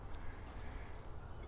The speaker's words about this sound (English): And a blue jay. Hi, Burb.